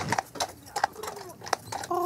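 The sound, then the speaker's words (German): Horse hooves clip-clop on a hard street on an island with almost no car traffic, in a steady, brisk rhythm, sharp, with faint background murmur and a brief tonal hum at the end. “Und dass man, wenn man morgens aufwacht, das Pferdegetrappel hört.”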